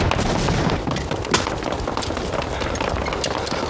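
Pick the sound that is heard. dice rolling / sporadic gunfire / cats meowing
sporadic gunfire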